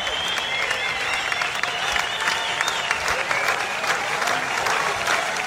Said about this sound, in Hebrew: זה המחיאות כפיים, לא פוסקות. כל הקהל מתרגש ועומד על הרגליים.